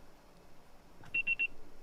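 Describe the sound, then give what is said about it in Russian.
Three short, steady electronic beeps at a high pitch, evenly spaced in quick succession, over a faint background hiss: the signal that a voicemail message can now be left, after a phone call was forwarded to voicemail. “Ваш звонок был переадресован на голосовой почтовый ящик. Можете оставить сообщение после сигнала.”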